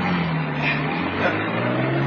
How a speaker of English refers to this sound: Now drive. Get those wheels moving.